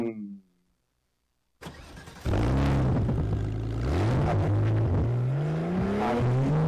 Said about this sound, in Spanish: Don Santos, se fue Don Santos en ese carro, se fue a buscar las hojitas para pronosticar